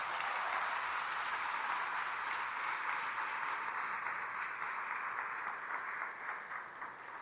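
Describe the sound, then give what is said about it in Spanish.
A crowd claps steadily for several seconds in gratitude to the staff of María Visión, a dense, even wash of applause that stays loud throughout and begins to thin slightly at the very end. “Les pido que además de orar por ellos, ¿verdad?, les demos un aplauso de gratitud.”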